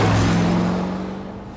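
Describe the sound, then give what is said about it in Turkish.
A 1968 Corvette C3 car engine rumbles with a loud, low, droning tone that holds steady briefly and then gradually fades over under two seconds, with no voices. “Karşında 1968 model Corvette C3.”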